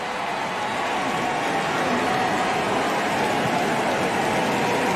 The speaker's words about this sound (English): Oh, the crowd's still going. Oh, wow. Yelly took his time around the bases. So fun.